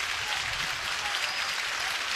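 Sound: stadium crowd cheering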